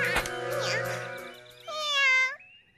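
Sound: cat meowing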